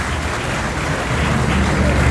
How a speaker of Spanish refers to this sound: Y ese aplauso para todas y todos nosotros, amigas, amigos, todos.